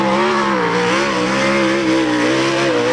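A sprint car's engine roars loudly and continuously, its pitch rising and dipping slightly as it tears around the track, with no voices.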